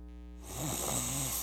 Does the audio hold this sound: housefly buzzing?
no